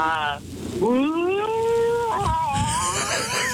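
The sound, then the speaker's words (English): A person imitates whale song to answer a quiz question, with long, wavering moans that swoop up and glide down in pitch, fairly loud over a faint breathy hiss. “Can you answer the question talking in whale?”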